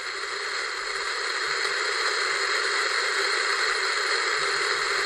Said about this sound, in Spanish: Estás sintonizando la frecuencia. Esto que llamamos ruido blanco, que no es sino radiación cósmica atrapada entre parpadeos de fósforo.